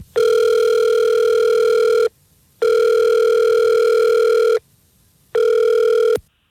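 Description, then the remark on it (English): An outgoing phone call's ringback tone, placed live by The Fred Show morning radio show, sounds three times, steady electronic tones with short silent gaps between, clear with no one talking; the last ring is cut short. “see if we can get him on the phone, figure out why he's ghosting you now, all right?”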